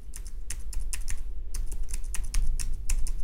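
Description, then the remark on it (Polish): Quick, crisp key presses on a HIMS braille device keyboard, a steady run of clicks in an irregular rhythm, heard on their own with a low background hum and no talking. “Klawiaturka jest rewelacyjna, bardzo dobry skok. Bardzo się miło na niej pisze.”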